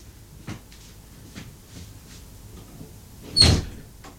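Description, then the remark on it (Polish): A door is opened and closed: a soft click early on, quiet shuffling, then a louder, sharp knock-and-thud as it shuts. There is no talking, just a faint hum underneath. “Teraz może otworzę i zamknę drzwi.”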